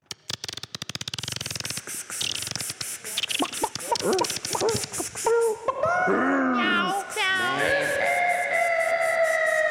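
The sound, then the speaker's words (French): A short, loud sound-effect jingle introducing the next segment: a rapid rattle of clicks builds up, then gives way to warbling, sliding tones and bleat-like cries that ring out clear, with no talking. “On passe maintenant à la rubrique suivante, j'ai nommé Lenny McLean. Oh non. Jingle.”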